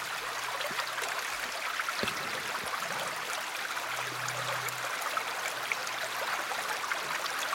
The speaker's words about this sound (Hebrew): אז נתחיל ככה שלנו נעים באיזשהו צילים של מים, בסך הכל אנחנו 70-80% מים, והצלילים ככה מעדדים במים הרבה יותר טוב. אז הנה לנו קצת נחל.